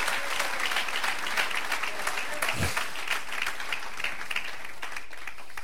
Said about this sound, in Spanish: Si le va a dar palmas, se la damos a Cristo Jesús, el Hijo de Dios.